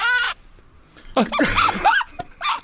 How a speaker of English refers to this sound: Look out, a shocked duck!